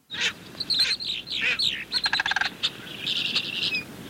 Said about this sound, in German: 5 Vögel stehen dabei zur Auswahl, die sicherlich nicht alle durch ihren Gesang bestechen, wie zum Beispiel die Kolkrabe. Oder auch der Kranich.